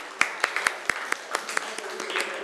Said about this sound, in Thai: เก่งมากค่ะนักเรียนปรบมือให้ตัวเองหน่อย